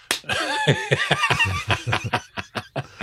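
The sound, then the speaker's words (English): A rapid series of sharp smacks, like a hand slapping someone over and over, mixed with snickering laughter that fades as the slaps continue. “Can you slap him?”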